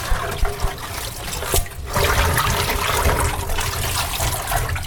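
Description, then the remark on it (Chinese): Water runs steadily from a tap while cabbage leaves are rinsed, a broad splashing hiss with a few soft thumps and handling knocks in the first seconds before the flow settles into a continuous rush. “来开始洗。 洗高丽菜”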